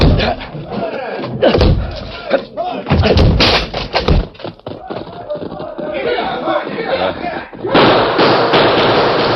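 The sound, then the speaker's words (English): Heavy thuds and splintering crashes pound in bursts as a locked back door is broken down, loud, with a noisy crowd of voices shouting and clamoring throughout, swelling into rowdy commotion near the end. “Locked. We'll have to break it.”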